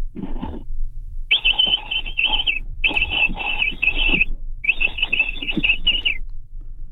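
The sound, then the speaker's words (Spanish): A voice imitates a capybara call from the throat: a short squeak, then three longer buzzing, high-pitched squealing bursts with brief pauses between them, fairly loud and alone. “son un pequeño sonido que me sale de ahí de la garganta”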